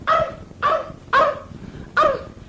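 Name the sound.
dog barking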